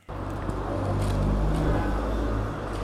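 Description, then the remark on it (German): A steady roar of traffic on the busy Frankfurter Straße in Neu-Isenburg, Germany, cars rushing past supermarkets, phone shops and snack bars in a continuous low rumble with no pauses, loud throughout. “Es ist einiges los auf der Frankfurter Straße. Autos rauschen an Supermärkten, Handyläden und Imbissbuden vorbei.”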